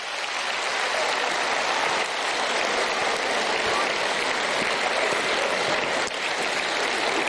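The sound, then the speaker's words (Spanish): A crowd applauds steadily, a dense, even wash of clapping that holds at a constant loud level for several seconds with no voices standing out. “¡Aplauso para la fe!”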